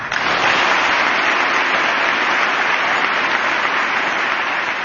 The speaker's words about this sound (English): I imagine those were bipartisan claps there.